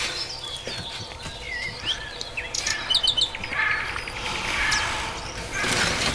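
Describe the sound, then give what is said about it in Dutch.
Several local birds chirp and sing together in a busy outdoor chorus, with repeated high tweets and short trills layered over a soft, steady background rustle. “Heel wat lokale vogels.”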